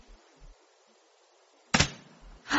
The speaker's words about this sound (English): That's the front door. Mm-hmm. What? The front door's just closed. Then I suppose someone's just come in or gone out.